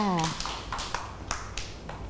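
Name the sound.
children clapping hands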